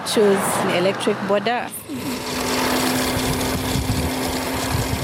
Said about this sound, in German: Wenige Minuten später surrt ein elektrisch betriebenes Motorrad die Straße hinunter. Man hört es kaum.